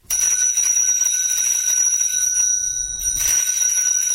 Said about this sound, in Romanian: Stai, ăsta-i clopoțelul meu.